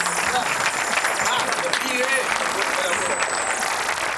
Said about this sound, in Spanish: Fuertes aplausos para la banda.